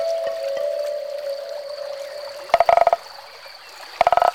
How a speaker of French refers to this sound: Parfois, on entend une grenouille chanter.